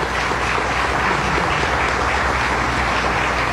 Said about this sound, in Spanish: En ese orden, este año se les va a otorgar el premio Ramón J. Velázquez al equipo de prensa del diario Católico. Un aplauso para ellos.